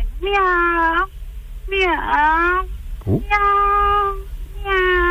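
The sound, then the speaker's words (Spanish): A person imitates a cat with four drawn-out meows in a row, each a sustained nasal wail with slight pitch bends, fairly loud, with a brief gap between calls; a caller in Castellón doing an animal imitation. “Va, un gatito, va.”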